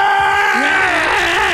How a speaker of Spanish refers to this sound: Desde la mazmorra se escucha el grito.